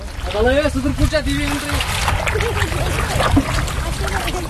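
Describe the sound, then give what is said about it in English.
Water swishes and trickles steadily as a 19-year-old boatman rows a small wooden shikara boat, with a wide cushioned seat and a canopy, across a lake in Wooler using a traditional heart-shaped paddle. Voices talk briefly near the start over the continuous watery wash. “he's alternating between using the motor and skillfully rowing with the traditional heart-shaped paddle.”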